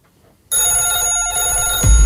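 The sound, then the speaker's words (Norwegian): A telephone rings loudly and steadily with an incoming call to the Radiobingo radio show, a bright electronic trill that starts abruptly after a short quiet moment and continues without pause, with a low thump near the end. “Vi har en telefon, eller vi har flere telefoner inn.”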